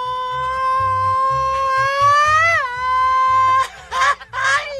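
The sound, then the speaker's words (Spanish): A single long, high, sustained vocal cry, a Mexican grito, that wavers, rises and breaks off, followed by two short, bright yelping bursts, with a faint low hum underneath. “¡Ay, está el grito! Creo que le dio pena dar el grito. A ver, échate un gritito.”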